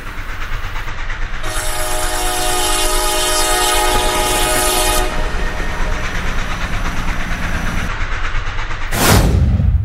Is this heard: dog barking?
no